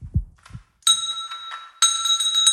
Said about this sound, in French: Et je vous jure que c'est réalisé sans trucage, avec sa petite patoune, elle a mis un petit coup dans la cloche.